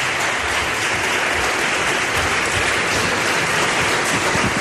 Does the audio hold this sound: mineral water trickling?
no